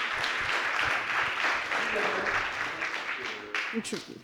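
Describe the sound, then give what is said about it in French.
A crowd claps loudly and continuously in a dense, steady wash of applause that begins to thin near the end as a voice speaks over it. The audience applauds the defense lawyer joining an experimental tribunal on stage. “Je vais appeler l'avocat de la défense et je vous demande de l'applaudir bien fort.”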